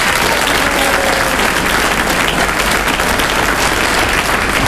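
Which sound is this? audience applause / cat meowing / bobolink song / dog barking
audience applause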